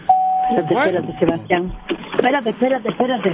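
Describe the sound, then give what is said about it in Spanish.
A steady electronic tone, like a dropped phone call's disconnect signal, hums for just over a second as a caller drops his phone, beneath overlapping voices, which keep talking after it cuts off. “Ah, se le cayó el teléfono al licenciado.”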